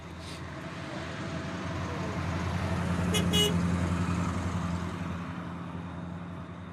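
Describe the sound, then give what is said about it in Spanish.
A 34-year-old car's engine rumbles steadily, and a short horn toot sounds briefly midway through. No one speaks. “34 años tiene este carro y no tiene nada que envidiarle a ningún carro.”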